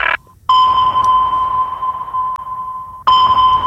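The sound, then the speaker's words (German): A sustained electronic scanning tone on Hitradio RT1, mock-scanning listeners' private phone playlists, with a steady high hum and faint harmonic overtones, opening with a brief sonar-like ping, then cutting out and resuming loudly near the end. “Hier ist Hitradio RT1 und ich scanne mal eben gerade ganz kurz eure privaten Playlisten auf dem Handy.”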